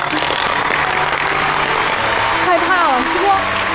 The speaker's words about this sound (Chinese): 来，给你们鼓掌。